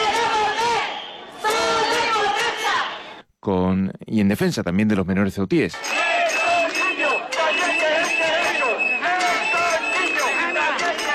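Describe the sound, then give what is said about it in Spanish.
A large crowd of protesters chants loudly in unison in the street on a Sunday, protesting the situation of women and girls after more than thirty sexual assaults in a month and a half; voices break off briefly while one person speaks, then the rhythmic chanting surges back and continues steadily. “Este domingo se salía a la calle para dar testimonio del malestar por la situación de mujeres y niñas con más de una treintena de agresiones sexuales en este último mes y medio, al grito de...”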